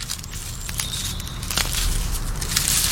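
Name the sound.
slug eating a leaf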